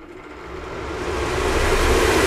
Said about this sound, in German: So, wir machen hier jetzt ganz schnell mal den Venti an.